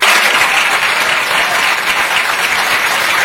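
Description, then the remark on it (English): Steady applause from an audience for Keir Starmer, continuous clapping at an even level throughout the few seconds with no voices standing out above it. “And Keir Starmer is getting applauded for it by, as you can hear, scant leftists.”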